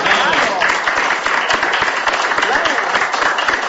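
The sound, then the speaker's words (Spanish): Steady applause on a radio program marking 37 years of the program Mientras Tenga la Vida, a dense crackle of many hands clapping continuously and loudly for several seconds with no break. “También aplaudo.”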